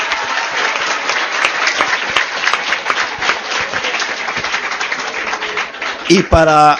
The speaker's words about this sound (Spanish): ¡Un aplauso!